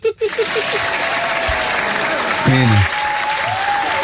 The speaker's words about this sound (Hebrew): נו, תנו לו כפיים.